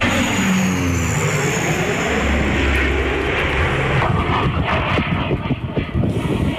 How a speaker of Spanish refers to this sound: O sonido dos avións do Exército do Aire que forman parte do amplo dispositivo de medios desplazados por terra, mar e aire por parte de medio rural e do goberno.